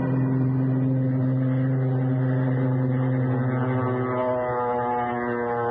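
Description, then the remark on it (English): A small propeller plane carrying the captured Colonel Sawaka takes off from a jungle airstrip, its engine droning loud, a steady buzzing hum that revs and shifts upward in pitch toward the end as it throttles up for takeoff. “We loaded Colonel Sawaka into the small plane.”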